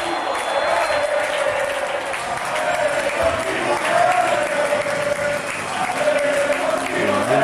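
Alcoyano football fans in a stadium cheer and applaud steadily in the final seconds of a match against San Sebastián de los Reyes, heard through an open commentary booth door, a dense, loud roar of claps and shouts with a sustained chanting tone running through it, no single voice standing out.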